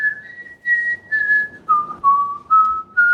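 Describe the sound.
On the Ö3 Wecker radio show, a man whistles a song's melody for listeners to guess, in a series of clear, sustained notes that step gradually downward and then rise again, each phrase separated by short breaths, with no talking.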